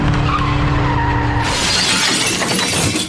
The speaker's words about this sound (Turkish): Seyir halindeki otomobille motosiklet kavşakta çarpıştı.